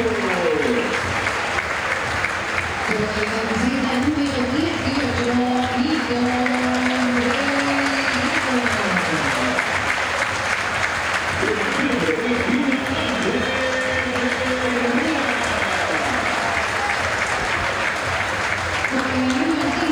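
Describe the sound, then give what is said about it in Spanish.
Sustained applause and cheering from a large crowd as the football team line-ups are announced, most loudly for the player Dilolo, a dense, steady roar lasting all twenty seconds with an echoing amplified voice speaking over it. “Por escándalo el más aplaudido.”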